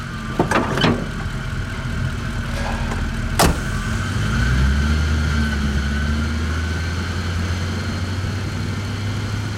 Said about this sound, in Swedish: Han trycker på startknappen. Den stora motorn går igång med ett mullrande ljud.